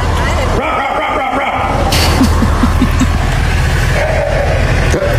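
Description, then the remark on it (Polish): A person imitates a dog's bark into a drain, as police officers advise, then a frog in the drain answers with a quick series of five or six short, low croaks that sound like a dog barking, over a steady rumble of traffic. “I to odszczeknięcie to nie był piesek, tylko to właśnie była żaba, więc ja na początku myślałam, że to są jakieś jaja, ale okazuje się, że nie.”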